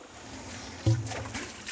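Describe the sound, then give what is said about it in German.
Water drains away in a steady, hissing trickle that runs continuously at moderate volume, flowing faster now that an obstacle has been removed, with a brief low thump near the middle. “Jetzt läuft es noch mal ein Stück schneller ab, jetzt wo da kein Hindernis mehr ist.”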